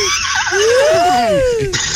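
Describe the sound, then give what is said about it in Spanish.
A listener of radio station Tropicana imitates a horse's neigh with one drawn-out voiced whinny that rises, then slides back down, loud, over steady background noise. “Caballito, dime cuándo vamos a relinchar de nuevo en tu cañota.”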